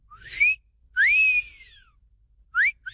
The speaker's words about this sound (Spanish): Ah, bueno, pues ya dijo el chiflidito para sus nenorras,